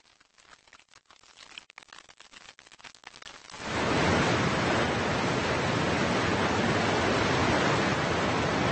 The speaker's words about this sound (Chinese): 最初的温暖日子过后，一切都变得势不可挡，小溪的潺潺流水变成了湍急的水流，最后大河里的冰面开始断裂融化。